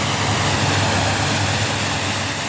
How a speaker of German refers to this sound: Sagt der Werftsbesitzer zu Wallenstadt und spritzt gerade das nächste Motorboot ab.